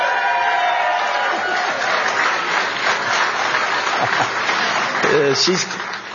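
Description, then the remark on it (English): A crowd, with a young grandchild among those clapping, applauds loudly and steadily for several seconds, a dense wash of clapping mixed with scattered cheers and crowd voices, swelling slightly near the end before easing off. “She's clapping too.”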